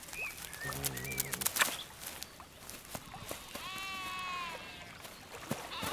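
Sheep tending the old cultural land at Hirtenberg bleat twice outdoors, a low short call followed by a longer, higher wavering bleat, with small birds chirping and twittering in the background.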